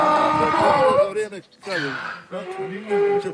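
A hungry donkey brays loudly in harsh, wheezing hee-haw bursts, three strained cries separated by short breathy pauses, rising and falling in pitch.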